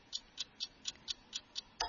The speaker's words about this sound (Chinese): 隐约听到滴答滴答，你屋企嘅仲有冇呢啲嘅钟啊？钟声啊，当当啊